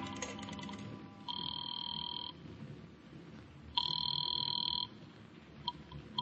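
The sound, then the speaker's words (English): Two long ringback tones purr down a telephone line after a number is dialed from a phone booth, each lasting about a second, separated by a pause, with a faint hiss of line noise underneath. “I took a chance that the old dame on the phone might have been brushing me off the other night, and I went into a booth and dialed a number.”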